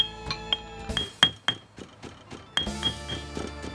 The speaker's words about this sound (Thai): นำพาพริกแห้งลงครกยกสากโขลกต่อไป